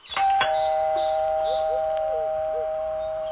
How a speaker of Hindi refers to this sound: अच्छा रुको, मैं घंटी बजाता हूँ।